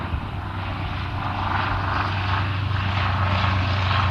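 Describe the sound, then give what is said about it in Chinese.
A crop-spraying airplane drones overhead while spraying farmland, its propeller engine loud with a steady, slightly pulsing roar that swells a little toward the end. No one speaks. “行，你一会儿你赶紧问问你家里那个地里头，他可能是你来这个那段路上，可能这刚才飞机直接就给你喷上了。”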